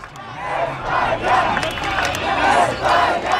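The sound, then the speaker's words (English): A large crowd at Boston City Hall Plaza, watching Spain beat Argentina 1-0 in the World Cup final, cheers and shouts in a dense, continuous roar, with swelling waves of voices rising and falling over a few seconds. “It was a big day yesterday at Boston City Hall Plaza as a large crowd gathered to watch Spain beat Argentina 1-0 in the World Cup final.”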